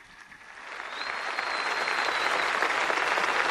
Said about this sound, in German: Dieser Einladung des Papstes stimmt das versammelte Volk Gottes mit Applaus zu. Applaus, Klatschen. Ja, es ist ja wirklich eine ausgelassene Stimmung zu spüren am Hafen von Heiligenkreuz auf Teneriffa.